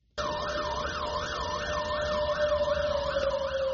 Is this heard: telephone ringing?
no